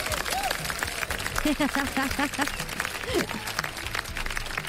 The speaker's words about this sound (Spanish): ¡Ay, para la mamá! Un aplauso para las mamás, otro.